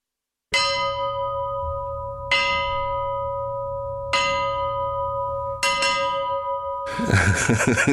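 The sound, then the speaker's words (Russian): The 50-kilogram bell of a sunken ship, silent for over 80 years, held at arm's length and struck four times at slow, even intervals, each loud clang ringing on with a long bright hum, followed by a burst of rustling noise at the end. “Сейчас вы услышите голос погибшего корабля.”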